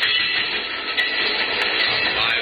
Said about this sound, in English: Train goes past. Yeah. Okay, it's gone.